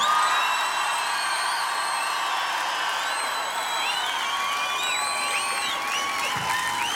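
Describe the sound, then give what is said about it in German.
A large crowd roars and cheers without pause at an outdoor live event at the Wörthersee-Ostbucht in Klagenfurt, broadcast live on radio, with many shrill whistles and whoops rising and falling over a dense, steady wall of noise for the full seven seconds. “Weil Klagenfurt macht am Land Lärm!”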